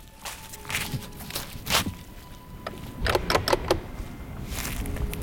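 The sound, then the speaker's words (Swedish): Footsteps crunch along an outdoor path at a steady walking pace as a person walks up from a stone beach toward a lighthouse on a heather-covered island, with a few sharper scuffs and rustles over a low wind-like background. No one speaks. “Jag promenerar upp längs med stigen för att ta en närmare titt.”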